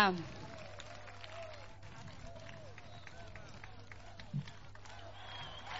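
A crowd applauds steadily for several seconds, a dense wash of clapping mixed with scattered shouts and cheers, over a constant low hum.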